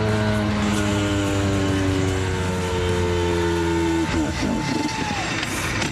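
The engine of an old car runs loudly while it is being driven, a steady, deep humming drone of layered low tones, then turns rougher and more sputtering toward the end while a thin whine fades out.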